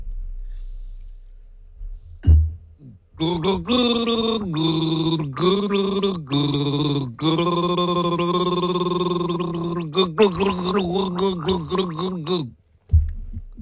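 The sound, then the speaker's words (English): Someone gargles liquid: a loud, sustained voiced gurgle lasting around nine seconds, wavering and briefly breaking, preceded by a quick intake of breath and ending with a short sputter. “No, I didn't hold the fluid in the mouth.”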